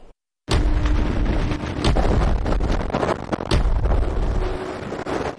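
A sudden roar of strong, gusting wind from a wind tunnel at the Beijing Jiaotong University wind tunnel laboratory, simulating force-5 gusts hitting someone holding an umbrella in rain, starts after a brief silence and holds steady and loud, buffeting the microphone with sharp bursts.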